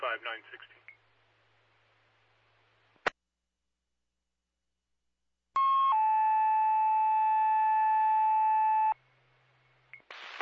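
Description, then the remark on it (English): A loud, steady fire dispatch alert tone blares for about three seconds over a fire dispatch radio channel, preceded by a brief burst of radio chatter and a sharp click, then static. “Do you want further tones for Bowen?”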